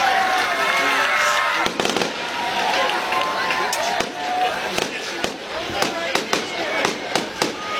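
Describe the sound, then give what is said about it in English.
A homecoming night fireworks show celebrating the Concord Minutemen's 44-3 win over the Goshen Redhawks, bursting in a rapid, irregular string of sharp, loud cracks and pops over a steady crowd murmur, with a few heavier booms among them. “A fireworks show here on homecoming night.”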